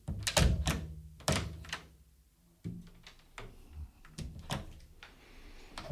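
Dull knocks on a cabin door at around nine o'clock, several heavy thuds spaced irregularly over a few seconds, fairly loud, with no voices.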